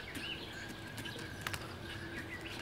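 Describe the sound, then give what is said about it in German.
Blue-necked ostriches walk into their enclosure at a zoo in Berlin in the late afternoon, with soft, irregular footfalls and a couple of sharper knocks over steady background noise, while faint chirps come and go. No one speaks. “Die schrecklich nette Blauhalsstraußenfamilie macht auch gerade Feierabend.”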